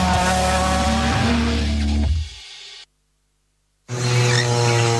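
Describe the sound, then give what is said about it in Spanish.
Loud World Rally Championship (WRC) rally car engines in Chile roar and rev with tires skidding, then the sound drops away to a second of silence before the racing noise bursts back in. “Velocidad, adrenalina y los mejores pilotos del mundo recorriendo nuestras rutas.”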